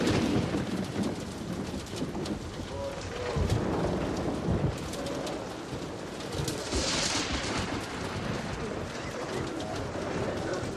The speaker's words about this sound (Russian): Сквозь дыры в крыше церкви сверкает молния. Начинается дождь.